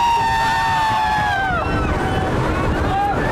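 The engine of an open-top 'Bigfoot' desert dune buggy with giant tyres roars steadily as it speeds across the sand at Silver Sand Bay (Yinshawan), its whining pitch sliding downward midway and then climbing again, over constant loud wind rush and rumble.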